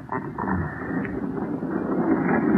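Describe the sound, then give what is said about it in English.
A heavy morgue drawer rolls out with a steady, grinding rumble and a faint metallic creak, lasting a couple of seconds at an even loudness with no one speaking. “Help me roll it out.”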